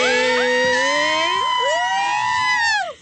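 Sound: siren sound effect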